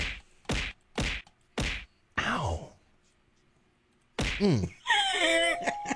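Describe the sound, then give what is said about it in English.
Four sharp, loud whacking hits land in quick rhythm, followed by a falling groan, a pause, then a strained grunt and a drawn-out wailing cry. “Hey, where's those punches? Who wants to fight? Stop fighting each other.”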